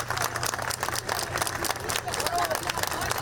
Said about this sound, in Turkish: Milyonlarca öğrenci TYT oturumunu tamamladı. Alkışlarla karşılandı.